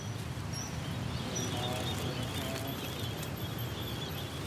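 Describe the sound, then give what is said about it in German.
Small songbirds, bought on the street opposite a pagoda to be set free, chirp faintly in thin, scattered high notes over a steady bed of street and crowd noise, with no clear rhythm and no voices standing out. “Auf der gegenüberliegenden Straßenseite kauft Hien anschließend kleine Singvögel, die sie gleich wieder freilassen wird.”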